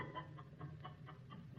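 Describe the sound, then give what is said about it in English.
Chickens that are being fed a white fluid cluck softly in a quick, steady series of short notes over a low background hum, with no one talking. “Paracelsus fed the white fluid to some chickens”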